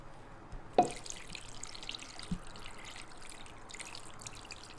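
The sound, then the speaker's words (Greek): Water runs steadily into a pot to cover chicken pieces, wings and drumsticks, a soft continuous trickle and splash with a couple of sharp knocks early on, moderate in volume, with no talking. “Σκέπασμα με νερό.”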